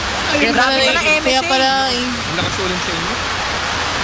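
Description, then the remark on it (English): Heavy rain pours down outdoors in a dense, steady hiss that never lets up, with a voice talking over it through the first couple of seconds before the downpour carries on alone. “Umuulan dito na malakas, grabe.”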